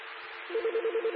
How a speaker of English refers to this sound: We had the phone in the background covering me up a little bit.